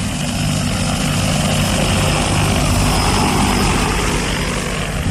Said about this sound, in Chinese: 现在那里又搞一条环村路，那里我们的喷洒农药啊、打肥料啊，就用无人机。